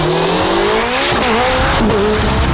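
A racing car's engine screams loudly upward through the gears, with tires squealing as it slides through a corner, no voices over it; car racing at an FIA European Championship event in Ilirska Bistrica, Slovenia.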